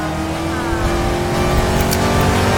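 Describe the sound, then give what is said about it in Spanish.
A car engine runs loud as the car is driven, a steady droning rumble with strong tonal hum that builds slightly in intensity over a few seconds. No one speaks. “El tío lleva a su sobrina en el auto.”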